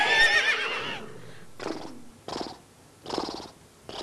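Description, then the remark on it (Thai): A horse neighs: a shrill, high whinny for about a second, followed by three or four shorter, breathy snorting bursts at a steady rhythm, fairly loud with no talking. “มันตั้งชื่อตามสัตว์บกชนิดหนึ่งซึ่งร้องแบบนี”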